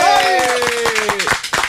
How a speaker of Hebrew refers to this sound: שנייה, שנייה עם הכפיים, שנייה תחכו רגע. נו, כפיים!